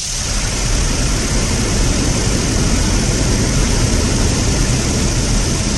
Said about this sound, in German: Ja, nicht wundern, klingt wie ein Wasserfall, weil die Bären nämlich aus dem Wasser den Lachs natürlich fischen.